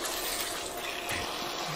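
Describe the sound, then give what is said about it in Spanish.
A short, steady splash of a little water poured into a pan of béchamel sauce cooking on the stove, a continuous hiss that holds at an even level for under two seconds with no talking. “Si me falta el licor, no hay problema. Le echo un poquito de agua y ya está.”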